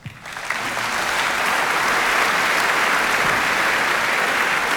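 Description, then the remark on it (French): A concert audience breaks into sustained applause as soloist Taeyeon Kim enters the stage for the Witold Lutosławski concerto with conductor Anthony Hermus, a dense, steady wash of clapping that swells within the first half second and holds at full volume throughout, with no voices above it. “Vous l'entendez, elle est très attendue.”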